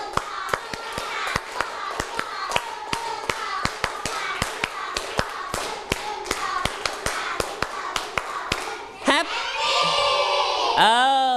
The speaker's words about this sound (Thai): Happy ดังๆเลยนะลั่นๆตะโกนลั่นๆเลยเด็กปลายทางด้วยให้ดังๆปรบมือ3ชุด